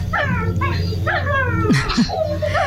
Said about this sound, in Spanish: jugando con su perrita